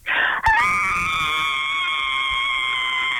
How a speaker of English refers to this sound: One more scream for us.